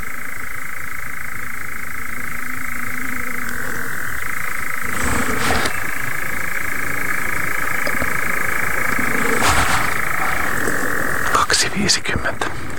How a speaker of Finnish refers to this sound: mutta viitasammakko kurnottaa komeasti.